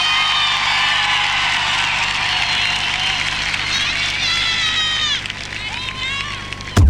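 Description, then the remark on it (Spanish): A large crowd applauds steadily and loudly for several seconds, with cheering voices and shrill whistles rising over the clapping toward the end. “¡Los aplausos!”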